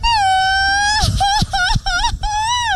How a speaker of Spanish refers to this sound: Queremos a los que tengan, que vengan ahorita aquí a la Alameda y se avienten el mejor grito mariachesco.